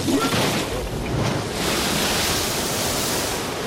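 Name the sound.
storm at sea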